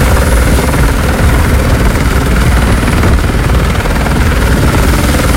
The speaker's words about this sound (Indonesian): Itu nampak ada satu helikopter kawan ya, yang sedang mengambil air. Memang untuk pengambilan air dilakukan di salah satu perumahan yang ada di kawasan Ororombo. Karena di lokasi itu memang ada embuk-embuk air buatan gitu ya.